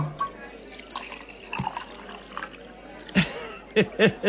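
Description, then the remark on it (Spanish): Malacuera Ribera red wine trickles and glugs into a glass in short bursts, fairly quiet, ending with a few brighter splashes and ringing glassy gurgles. “Ponme un Ribera. ¿Un vino cualquiera? No, ponme un Malacuera.”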